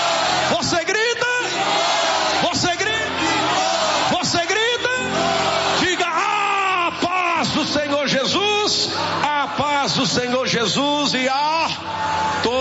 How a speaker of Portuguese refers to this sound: Vamos lá, agora é valendo, hein? Eu digo pai, digo filho, digo Espírito Santo, você grita? Você grita? Você grita? Você grita? Você grita?